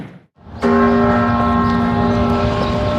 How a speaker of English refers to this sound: On America's 250th, the bells toll at Independence Hall in Philadelphia, where it all began, where the founding fathers debated the Declaration of Independence.